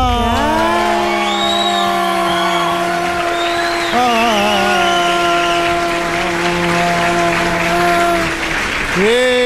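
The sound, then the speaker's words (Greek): A crowd applauds loudly and steadily for about ten seconds as morning-show host Helena Nat Baha is introduced, a dense wash of clapping threaded with sustained cheers and high whoops that rise and fall. “Κυρίες και κύριοι, χειροκροτήστε τη μία και μοναδική και ατρόμητη Χελένα Νατ Μπαχά.”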